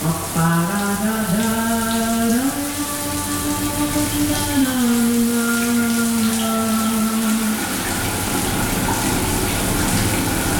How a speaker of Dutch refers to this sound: Het douchegordijn dat zal gaan sluiten voor de opgave van deze vrijdagochtend. En dan gaat de kraan stromen en dan moeten we even goed luisteren.